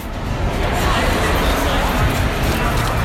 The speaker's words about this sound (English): On Mother's Day, crowds throng the Albuquerque Rail Yard Sunday Market. Redeveloped by the city government, the historic railroad machine shop showcases farmers and ranchers, bakers, salsa wizards, jewelry makers, and more.